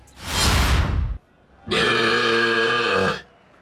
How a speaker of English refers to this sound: 109.7, ooh, much closer. Within 0.2 decibels of the record, and that belch there, look, resembling an unhappy calf or a goat, perhaps, who's just been denied access to its mother, 0.2 decibels away from the world record.